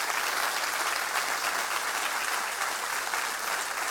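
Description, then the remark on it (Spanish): An audience applauds steadily, a dense, sustained wash of clapping hands that holds at an even, fairly loud level throughout with no voices standing out. “Muy bien, ahí cabe un aplauso.”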